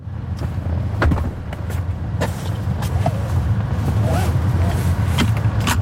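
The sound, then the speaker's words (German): Car doors open and thump shut, then a seatbelt clicks into its buckle in a self-driving robotaxi: a handful of irregular sharp clacks and thuds over a steady low vehicle rumble. “Türen auf- und zu machen und sich angurten.”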